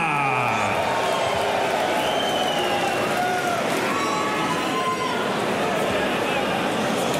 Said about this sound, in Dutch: Applaus und wir begrüßen auch unseren ersten Referee des Abends. Hier ist Hugh Ware.